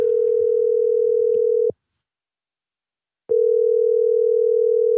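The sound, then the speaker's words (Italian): A steady single-pitch telephone ringing tone from a random outgoing survey call to people in Italy: one long, loud beep, a short silent gap, then the tone starting again, with faint voices murmuring beneath the first beep. “Ho fatto qualche telefonata a caso con la collaborazione di …”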